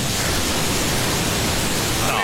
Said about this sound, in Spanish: La ola viene ahí. Esas son las olas de San Andrés Islas, nada más y nada menos